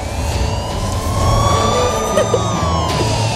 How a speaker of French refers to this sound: C'est à Manhattan, mais il y a un peu de trafic là actuellement sur la route.